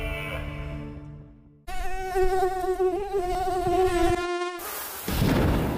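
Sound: mosquitoes buzzing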